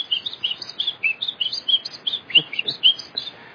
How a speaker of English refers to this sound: There is one here where we are that is called the Munchique wood wren that lives in the highlands. And it's like... But it's much... It's much happier. It has a different tone, so it's more like...